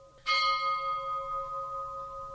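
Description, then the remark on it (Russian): A single deep church bell strike, rung as bells are rung when someone has died, rings out, its clear metallic tone lingering and slowly fading over a couple of seconds, with no voices. “Колокол! Так звонят, когда кто-нибудь умер.”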